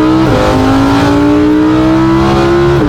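A 700-horsepower Lamborghini sports car with paddle shifters roars loudly as it accelerates on a 5.5-kilometre stretch, its deep tone climbing steadily in pitch, with a quick gear change near the start and another right at the end. No voices.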